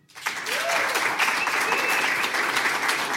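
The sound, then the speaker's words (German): A sustained burst of audience applause welcoming a musician guest, dense and steady, rising quickly to full volume and continuing throughout with a faint whistle cutting through the clapping. “Und ich bitte Sie um einen großen Applaus”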